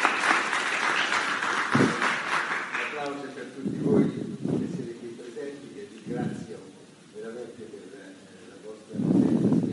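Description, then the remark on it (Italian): A conference audience applauds steadily for about three seconds for Innocenzo Cipolletta, President of the Italian Publishers Association, a dense crackle of many hands, before the clapping fades out and a man begins speaking into a microphone. “Un applauso, Innocenzo Cipolletta, Presidente dell'Associazione Italiana Editori.”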